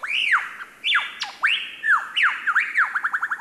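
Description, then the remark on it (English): A lyrebird mimics a laughing kookaburra: loud, rising-and-falling cackling calls that quicken into a rapid run of chuckling notes at the end, with no voices. “which can incorporate spot-on imitations of other bird species, like this laughing kookaburra.”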